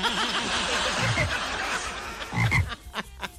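A frog croaks loudly in a rapid, continuous run of throaty pulses, swelling into a couple of stronger bursts before breaking into a few short, scattered croaks at the end.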